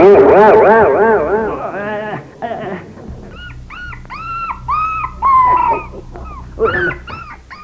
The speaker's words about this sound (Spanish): Hombre, ¿y este par de perros que hacen aquí de metiches? ¡Saque animales!